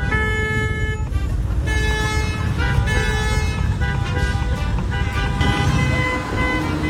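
Car horns blare repeatedly in busy city-centre traffic, several overlapping honks sounding loud over a steady rumble of engines and road noise, with brief gaps between bursts; drivers are honking at a cardboard sign reading 'you honk, we drink'.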